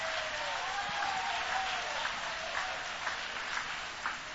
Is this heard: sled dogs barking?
no